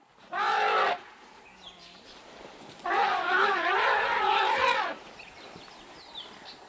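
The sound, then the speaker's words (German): Elephants calling in the early morning at 6:30 at sunrise: a short, loud, harsh harmonic blast, then after a pause a longer wavering call of about two seconds, with quiet background between them. “Ja, Elefanten sind Frühaufsteher.”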